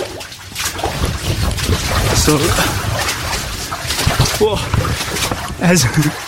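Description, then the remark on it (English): Water sloshes and splashes steadily as someone wades through it in a tunnel in the catacombs, the churning fairly loud, with brief bits of speech breaking in now and then. “as I press record, we came to some more water.”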